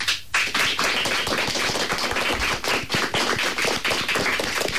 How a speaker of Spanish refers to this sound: Pois temos no estudo José Hermida de Radio Pontevedra alumnos de quinto do CEIP Sequelo de Marín. Rapaces, dadevos a coñecer cun aplauso para saudar tamén as persoas que nos están escoitar neste intre.